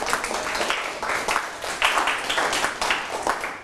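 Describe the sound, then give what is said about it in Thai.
Classmates in a science class clap together for a fellow student in a steady burst of dense, crisp applause that lasts a few seconds at an even, moderate loudness, with a faint voice showing through. “จะบอกแบบนี้ก็ได้นะครับปรบมือให้เพื่อนหน่อยครับ”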